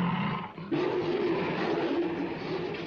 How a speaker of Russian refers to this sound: Оставшиеся в клетках рычат на идущих по палубе. Поднявшись на задние лапы, машут друг на друга передними. Один из тигров сцепился со львом.